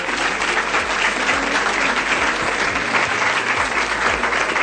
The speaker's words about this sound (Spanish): Así es que un fuerte aplauso para ella.